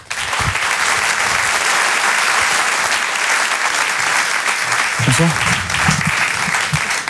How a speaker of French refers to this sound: Je vous demande un tonnerre d'applaudissements également, s'il vous plaît, pour Haroun.